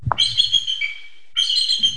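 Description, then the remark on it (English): High, thin chittering calls from bald eagles at feeding time in their enclosure at a wildlife rehabilitation center in Freedom, Maine, in two piercing bursts with a brief pause between them and low rumbling background noise underneath. “At Avian Haven in Freedom, Maine, it's feeding time at the Bald Eagle enclosure.”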